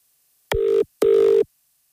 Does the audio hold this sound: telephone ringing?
yes